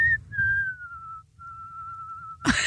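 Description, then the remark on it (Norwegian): A person whistles the Christmas carol melody 'Englene daler ned i skjul', slow and clear with long held notes and a slight wavering vibrato, over a low background rumble, ending with a sudden burst of noise. “Med vibrato?”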